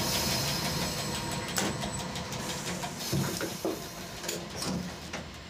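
A diesel train of the Ferrovia Circumetnea, the railway around Mount Etna, rumbles steadily as it pulls away from the station in Catania five minutes late, a dense low mechanical drone with occasional knocks and clanks rising over it, continuous throughout.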